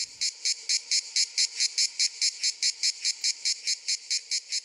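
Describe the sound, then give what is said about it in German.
A manna cicada sings in a steady, rapid pulsing buzz, about four pulses per second, loud and continuing evenly throughout with no voices. “Das gleichmäßige Singen der Manna-Zikade gehört dort vielerorts zu den heißen Tagen.”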